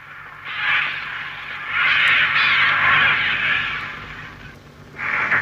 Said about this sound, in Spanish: Otra vez los cuervos.